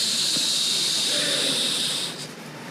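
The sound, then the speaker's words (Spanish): A voice imitates sand trickling through an hourglass with a steady, breathy hiss that holds evenly for about two seconds, then fades out. No words are spoken. “Hago así porque era un reloj de arena, ¿verdad?”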